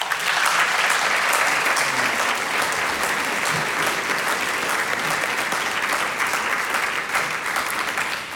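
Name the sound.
audience applause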